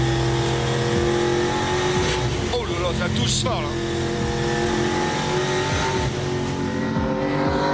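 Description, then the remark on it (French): A V8 race car engine roars and revs hard throughout, its pitch rising and falling with gear changes, loud and continuous, while a man speaks briefly over it. “Une auto assez mythique et qui procure vraiment le plein de sensations. Et son V8, et ben il est pour beaucoup.”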